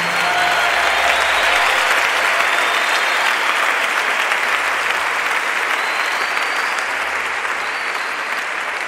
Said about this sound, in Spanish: Dale más fuerte las palmas al rey.